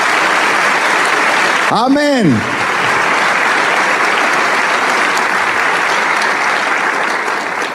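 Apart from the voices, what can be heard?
church audience applause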